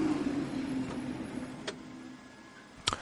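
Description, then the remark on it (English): Race cars, including the Toyota, sit in the pit lane during a driver swap while their virtual energy tanks are topped up. They give off a steady low mechanical drone with a faint whine, broken by two sharp metallic clicks near the end. No one speaks. “So the virtual energy tank is topped up as the cars are in the pits.”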